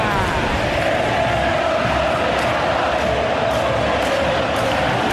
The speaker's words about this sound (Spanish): Un cilindro pletórico, rebosante de emoción y de pasión, pintado desde el alma de celeste y blanco. Una multitud de académicos en el estadio, en el interior del cilindro, que le van el grito, juegan Racing y Boca.